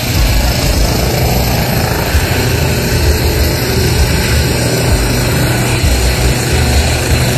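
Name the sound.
police helicopter taking off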